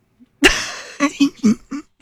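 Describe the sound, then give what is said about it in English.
A harsh cough bursts out, then trails into four short, throaty, voiced coughs in a quick uneven rhythm, with no talking around it. “Did you hear that goofy cough I just did?”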